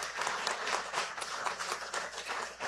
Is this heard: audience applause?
yes